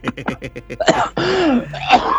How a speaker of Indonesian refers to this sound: masih batuk nih. Aduh.